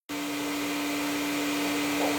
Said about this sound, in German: Ob der Sound des laufenden Staubsaugers suggeriert, dass eine Person, eben die Staubsaugende, in der Nähe sein muss und das Kind also nicht alleine ist?